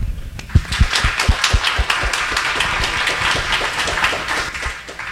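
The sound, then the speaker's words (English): An audience at a candidates' event applauds steadily, many hands clapping at once in a dense, sustained patter that holds at a fairly even level throughout, with a few sharper claps standing out. “We can give them one more round of applause.”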